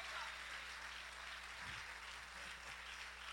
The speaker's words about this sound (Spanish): Denle un aplauso fuerte al Señor en esta preciosa hora.